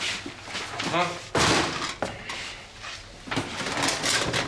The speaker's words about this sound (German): So, die Schublade lässt sich nicht öffnen.